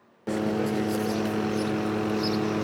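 A helicopter flying over Lake Vico, Italy, searching the lake surface: its engine roars in a steady, loud drone that cuts in abruptly and holds unbroken, with a strong humming whine running through it.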